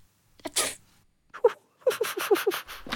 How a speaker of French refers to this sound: Ça donne envie d'éternuer. …, c'est toi? C'est toi qui viens d'éternuer?